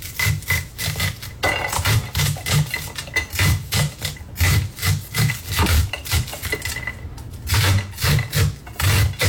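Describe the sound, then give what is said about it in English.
Corn being shaved off the cob: a steady run of rough, rasping scrapes, about two strokes a second, with brief pauses between bursts and no voices. “Shaving a good old corn on the cob.”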